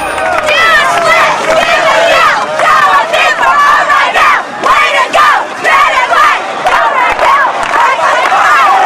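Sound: crowd of students cheering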